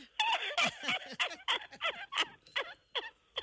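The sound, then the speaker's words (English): A voice imitates a duck, letting out a quick, steady run of about ten harsh, nasal quacks, fairly loud, with nothing else around them. “Yes, parce que c'est voulait faire un petit quick, un quack pour tout le monde.”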